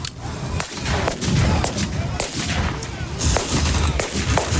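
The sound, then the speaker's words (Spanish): Repeated sharp gunshots crack out at irregular intervals, some loud, others quieter, over a rumbling background of explosions and battlefield noise, with faint voices mixed in, during a historical reenactment of the 1937 Battle of Brunete in Brunete, Spain, among armored vehicles and anti-tank guns. “Así, con ese ambiente, rodeados de vehículos blindados y anticarros, y entre explosiones y disparos, varios grupos de recreación histórica de toda España y hasta participantes de Estados Unidos y Reino Unido”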